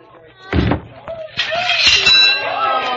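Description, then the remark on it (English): A heavy mallet thud, then a loud metallic clang as the high striker's bell rings out, its bright tones sustaining while a second knock lands and faint voices murmur underneath. “Test your strength and ring the bell.”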